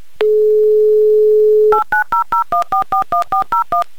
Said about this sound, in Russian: Набран номер телефона Игоря, звоним в Москву